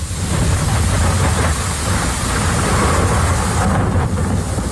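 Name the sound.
thunderstorm with heavy rain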